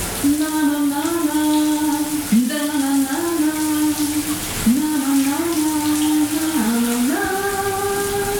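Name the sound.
shower tap running water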